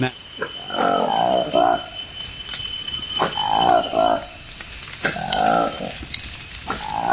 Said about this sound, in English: This is the remarkable sound of a newly discovered monkey in the Democratic Republic of the Congo. It's called the Likweli monkey. Its distinctive feature, apart from the curious noise it makes, is bright orange lips framed by a furry black face.